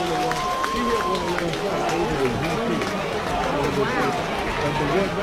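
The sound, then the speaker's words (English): A baseball crowd jeers the batter after he takes a low pitch for a 2-0 count, a steady, dense wash of many voices calling out and shouting with no pause, occasional higher whistles and cries rising above the roar. “Takes the next pitch low, 2-0, and now the crowd's starting to get after Cam a little bit.”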